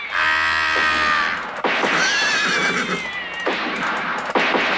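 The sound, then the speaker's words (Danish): A horse whinnies loudly several times in a row, each neigh a shrill, wavering high-pitched call that trails off before the next begins, with no talking. “Saddle up your horse, man.”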